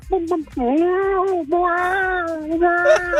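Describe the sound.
A man's voice imitates a hen in heat in a long, wavering, nasal wail that ends up sounding more like a meowing cat, sustained in a few loud drawn-out bursts.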